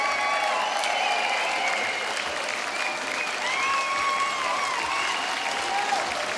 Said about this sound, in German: Den Applaus haben sie sich verdient,